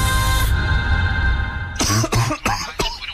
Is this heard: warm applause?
no